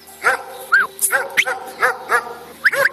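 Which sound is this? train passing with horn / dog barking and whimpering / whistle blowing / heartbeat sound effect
dog barking and whimpering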